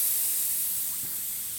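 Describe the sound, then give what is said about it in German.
A steady, fairly loud hiss of air escaping, like a tyre going flat, holding constant for the whole moment with no voices. “Ey, wir haben Platten.”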